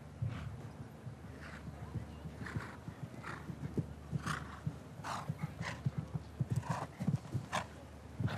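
Hooves of the horse Fantastik, ridden by show jumper Janne Friederike Meyer-Zimmermann in the qualifiers, thud in a steady, rhythmic gait across soft arena ground, with muffled beats repeating over a constant background hiss and occasional brighter snorts or breaths.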